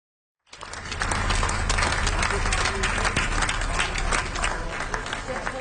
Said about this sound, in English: Final applause for singer